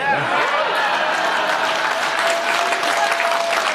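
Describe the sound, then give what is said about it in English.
A large crowd applauds loudly and steadily for several seconds, a dense wash of clapping with faint cheering voices mixed in, sustained without letting up; the applause is for President Trump after he removed the tariffs on Scotch whiskey. “And I know a lot of people think a king's visit is largely symbolic, but he actually got President Trump to remove the tariffs on Scotch whiskey, which earned Trump some serious applause from a prominent Democrat.”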